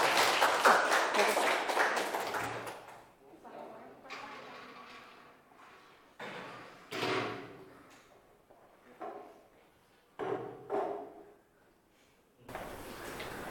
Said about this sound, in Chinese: 好，来请我们这个厨师小组来带来他们的展示，大家掌声送给他们。